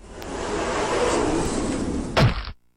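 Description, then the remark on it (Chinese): A heavy stone cave door opens at the words "Open sesame" in the tale of Ali Baba, grinding in a steady, rumbling scrape lasting about two seconds, then landing with one deep, loud thud before cutting to silence. No one speaks. “洞门果然开了”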